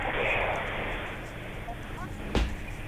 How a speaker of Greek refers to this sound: Ακούμε και το ελικόπτερο που επιχειρεί.